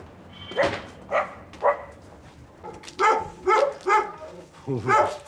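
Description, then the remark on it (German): A dog barks repeatedly, about seven sharp, loud barks in uneven bursts, with a short pause in the middle before a quicker run of barks. “Briefträger und Hund. Die uralte, verbissene Geschichte einer Hassliebe.”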